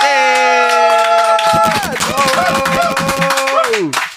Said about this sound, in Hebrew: אז הוא ניגן ישן וחדש והכל ביחד, ותנו לו מחיאות כפיים,